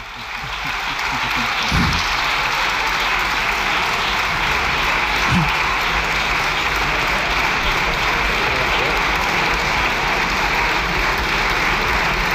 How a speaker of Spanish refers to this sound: Bueno, con el músculo ejercitado con la visita del Papa, gracias, están ahora al juego de ver quién aplaude más tiempo.